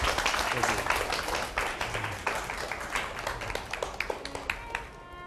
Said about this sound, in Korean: 예, 박수 좀 쳐주세요. 네.